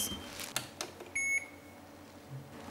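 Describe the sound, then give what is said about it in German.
A mobile phone gives a single short, high electronic beep for an incoming call, preceded by a few soft clicks or taps; fairly quiet, with no one talking. “So, Entschuldigung, ich gehe einmal ans Handy.”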